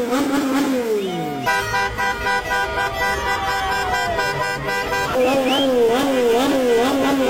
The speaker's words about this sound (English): It's like a motorcycle.